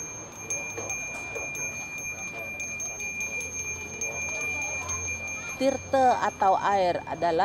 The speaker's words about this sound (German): Mit dem Läuten des Glöckchens stellt der Priester die Verbindung zum Überirdischen her. Er ist ein Mittler zwischen Göttern und Menschen.